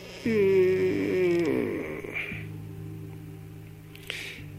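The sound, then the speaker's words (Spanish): A door creaks open with a drawn-out, wavering groan lasting about a second, fading into a low steady hum, with a faint click near the end. “Escucha la puerta.”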